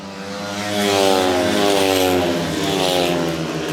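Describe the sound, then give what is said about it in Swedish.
Speedway motorcycles race around a track in a match between Lejonen and Dackarna, Lejonen's Cerniak and Drabik leading into the third lap; engines roar loud and steady in a continuous high-pitched whine with rising and falling harmonics, as if several bikes pass by. “Cerniak och Drabik leder för Lejonen in på tredje varvet. Lite följa John Speedway här.”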